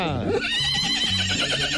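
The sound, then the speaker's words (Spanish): The mare Sandrita, from the farm of Radio 1's morning show, neighs when someone shouts to her, in one loud, drawn-out whinny, starting high and shrill and then wavering through a shaky, vibrating call that fills the whole moment. “La yeguita de acá, de la finca de las mañanas de uno, de Radio 1, la de 1.93.9.”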